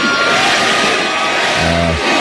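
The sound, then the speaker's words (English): A large festival crowd at the Rock the Country Festival in Texas roars, cheers and chants "Granny" as a 99-year-old woman crowd surfs, in a dense, loud wash of voices, with a brief low tonal swell near the end rising out of the steady noise. “Crowd started chanting, Granny, Granny, as she crowd surfed for about a minute at the Rock the Country Festival in Texas.”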